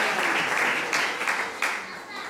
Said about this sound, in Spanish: Dale fuerte aplauso al Señor en esta casa.